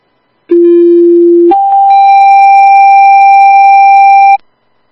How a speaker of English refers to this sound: Would you tone for an EMT, please? Receive retoning for an EMT at 2232.